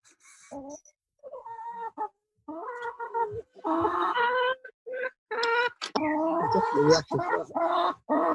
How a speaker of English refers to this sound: Oh my God. That's a Canadian chicken. That's more like it.